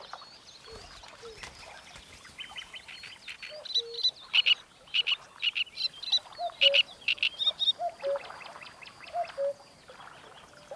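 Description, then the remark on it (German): A great reed warbler sings a loud, harsh, croaking song of repeated grating phrases in rapid bursts, mixing gruff low notes with higher squeaky ones, with no voices present. “Dieser Drosselrohrsänger wird kein fremdes Ei ausbrüten.”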